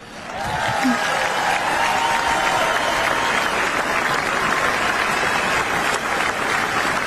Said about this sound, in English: I just want to point out, there is a young black man standing and clapping on that comment.